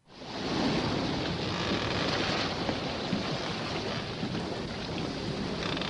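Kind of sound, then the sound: nature, thunderstorm at sea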